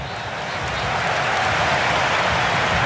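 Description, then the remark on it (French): Sustained applause from American supporters in a large stadium crowd during a football match against Paraguay, a dense, steady wash of clapping that swells slightly and holds loud throughout, with no one speaking. “Les applaudissements nourris du stade, ils sont satisfaits pour l'instant, les supporters américains.”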